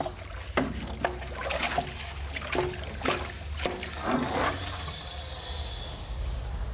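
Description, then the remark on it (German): Fresh drinking water for animals pours and splashes into a container, with a series of irregular sloshing bursts that settle into a steady, softer trickling rush toward the end. “So, jetzt gibt es noch frisch Wasser.”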